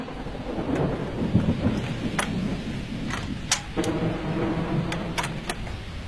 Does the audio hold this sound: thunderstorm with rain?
yes